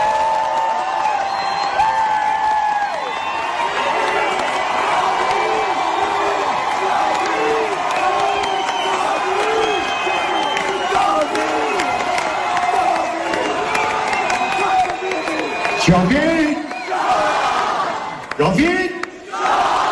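A large concert crowd in Istanbul shouts together in unison, a dense, continuous roar of many voices chanting the slogan "Javid Shah", with a few sharper swells of cheering near the end.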